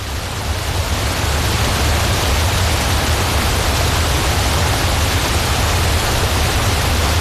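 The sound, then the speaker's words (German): A loud, steady rushing roar of a waterfall, with a dense unbroken hiss and a deep rumble that never lets up. No voices. “Und wir sind natürlich dann sofort auf die Suche nach einem Wasserfall gegangen.”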